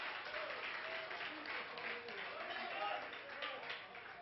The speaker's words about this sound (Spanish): ¿Cuántos alaban al Señor en esta hora? Denle fuerte ese aplauso si es para Él.